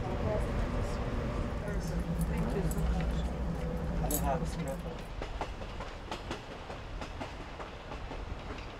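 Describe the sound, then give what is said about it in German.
A train travels steadily along the rails through a vast nature reserve toward the Grand Canyon at up to 65 km/h, with a dense low rumble and repeated metallic clicks and squeals, loud at first, then easing slightly. No one speaks. “Deshalb braucht der Zug auch mehr als 2 Stunden für die 100 Kilometer an den Grand Canyon.”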